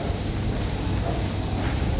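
Ambience of a corridor on the fourth floor of Galdakao hospital in the Basque Country: a steady, unbroken wash of low rumble and airy hiss at an even level throughout, with no clear voices or distinct events standing out.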